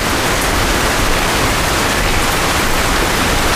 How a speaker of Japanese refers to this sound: 川沿いに来て少し落ち着きたくて。